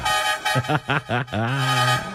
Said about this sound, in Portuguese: Chama, mas chama com força. Chama na categoria. Chama na buzina.